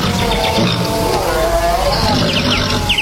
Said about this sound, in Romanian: Într-o zi, umblând după vânat ca de obicei prin hățișurile pădurii, auzi un zgomot neobișnuit. Era urlet de lup și nechezat înspăimântat.